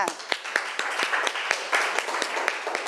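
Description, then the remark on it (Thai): A group of children clapping in a steady burst of applause at their teacher's request during a class activity, many quick overlapping claps with sharper individual hits, moderately loud throughout. “ปรบมือดังๆ”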